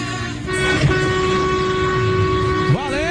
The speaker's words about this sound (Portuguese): Um abraço, ó, povo buzinando, fazendo festa com a gente.